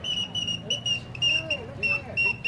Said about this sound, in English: That's right, genuine all-metal whistling birds to delight the kiddies' hearts and make their eyes dance.